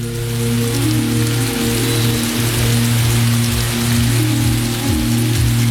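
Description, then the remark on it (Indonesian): Steady rain falls with a continuous hiss in humid weather, while low droning tones hum and shift underneath. No one speaks. “Belakangan ini cuaca sudah mulai lembab dan hujan sudah mulai turun.”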